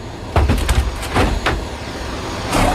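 A Przewalski's horse mare kicking inside a transport crate as zoo workers load it into an army plane: several heavy, irregular thuds and bangs against the walls, over a low rumbling outdoor background with no talking.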